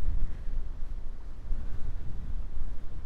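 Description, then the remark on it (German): Strong wind blows steadily outdoors on the island of Amami in southern Japan, with a deep continuous rumble and gusty buffeting against the microphone throughout. No one speaks. “Jetzt ist sehr windig, aber so schön.”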